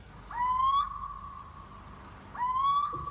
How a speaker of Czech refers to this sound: Všude bylo ticho. Jen hlas síčka se ozýval nedaleko z roští.